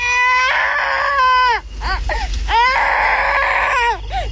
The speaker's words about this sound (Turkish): Duydun mu? Bir çocuk ağlıyor. Evet, oradan geliyor.